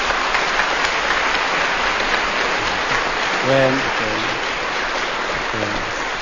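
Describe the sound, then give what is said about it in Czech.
Sustained applause from an audience in Brno for Luděk Sobota fills the whole stretch, a dense steady patter of clapping, with a few brief voiced calls or words rising over it near the end. “Potlesk pro Luďka Sobotu.”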